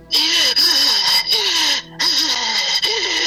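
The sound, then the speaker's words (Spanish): A voice imitates the heavy, raspy breathing felt above a person sleeping: two long, loud, hissing breaths with a brief pause between them, carrying a faint wavering vocal tone. “Me hacía así la respiración.”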